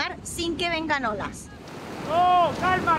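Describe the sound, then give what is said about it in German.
Ocean waves up to 8 meters high surge and crash against rocks in a steady, broad roar that swells louder toward the end, with a man's voice speaking over it. “Die Wellen sind bis zu 8 Meter hoch.”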